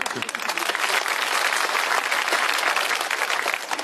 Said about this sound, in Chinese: 想不到还真有人鼓掌。这就算开张大吉了，这是。